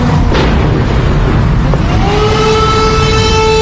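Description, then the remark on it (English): A long air raid siren tone rises and holds steady over a loud, rumbling background of wind and street noise, spread out across Kyiv as a Russian missile attack begins. “The haunting sound of the air raid sirens wail across Kyiv.”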